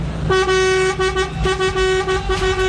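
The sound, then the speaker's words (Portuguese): A loud car horn honks in Quirinópolis, Goiás, in a series of sustained blasts with brief breaks between them, prominent over a low rumble, with no one talking. “Toma aí, Léo, a buzinada de Quirinópolis, Goiás.”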